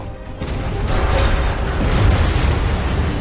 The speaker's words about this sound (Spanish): Una enorme explosión hace que el final de la pista se doble y se derrumbe.